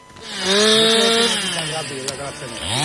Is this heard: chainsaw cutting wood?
yes